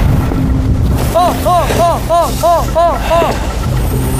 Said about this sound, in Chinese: 这个风太大了， 风好大，能出去吗？ 风也大，浪也大，我们都今天都没有出海呀。